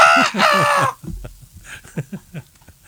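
A chicken gives a loud, brassy squawk lasting about a second, then a run of short, choppy clucks in an uneven rhythm, close and clear with no talking.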